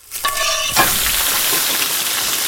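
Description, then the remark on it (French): Maison Lafitte duck from the Landes sizzling loudly skin side first in a hot pan as its fat melts, a steady, bright crackling hiss that starts abruptly after a short metallic ring and continues without pause. No voices. “Toujours côté peau d'abord. Ensuite tu laisses fondre le gras et tu retournes une seule fois.”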